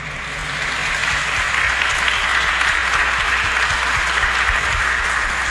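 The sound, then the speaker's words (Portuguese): A crowd at a cathedral applauds the Monsignor steadily and loudly, a dense wash of many hands clapping that swells in the first second and holds at an even level throughout, with no talking over it. “Uma salva de palmas para o nosso Monsenhor. Uma palma com força, gente.”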